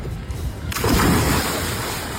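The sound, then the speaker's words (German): Open-sea waves surging in a steady, full wash of water that swells in abruptly after a low rumble and keeps churning fairly loud, with no voices. “Naja, angekommen auf dem Meer hatten sie dann beide aber doch ein bisschen Spaß.”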